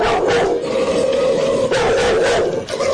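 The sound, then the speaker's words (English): A female dog named Zora barks loudly at No Limit Communications, 3330 Greenmount Avenue, several rough barks in quick succession over a sustained, strained vocal tone, with no one talking. “Well, she's a beautiful dog, but a tough looking one.”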